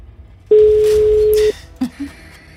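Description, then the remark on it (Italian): A single one-second burst of a steady telephone ringing tone on an outgoing call that goes unanswered, loud and clear, followed by a couple of brief faint bumps. “Sta già squillando.”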